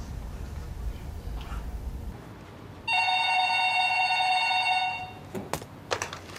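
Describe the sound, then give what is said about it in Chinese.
A telephone rings with a steady, bright electronic trill lasting about two seconds, loud, followed by a few short clicks as the handset is picked up. “怎么想你给我打电话来了啊？”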